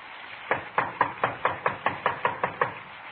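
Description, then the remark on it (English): A rapid, steady series of about ten sharp knocks on the wooden front door of a small redwood house on Nordhoff Street in the San Fernando Valley, at night in the rain, fairly loud, with no voices. “Better try it again.”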